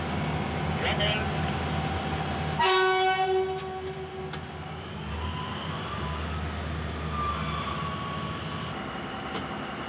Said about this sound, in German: Angezogen wird der Arbeitszug von gleich zwei alten Dieselloks mit insgesamt 2600 PS. Zug geht los, wegfahren.